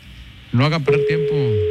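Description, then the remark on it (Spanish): A steady, unbroken ringback tone starts up partway through and holds to the end, heard under a man talking as a call to a tattoo artist's phone waits to be answered. “Está sonando el teléfono del tatuador.”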